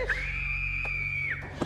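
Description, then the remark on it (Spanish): A woman lets out one long, high-pitched scream as she is stabbed in the neck with a broken bottle, held steady for over a second before cutting off, loud over a low background hum. “Jun se sienta en su cama por el grito de la mujer.”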